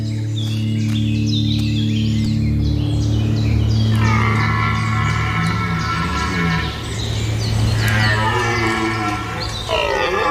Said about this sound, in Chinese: 知道林间空地对于欧洲马鹿的重要性，尤其是在繁殖季，他们会用洪亮的叫声宣告自己的领地。